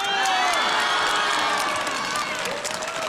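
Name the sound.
audience cheering and applauding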